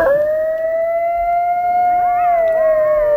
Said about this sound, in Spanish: Los lobos. No. Si no es un lobo. Un coyote. Sí, señor. Un coyote.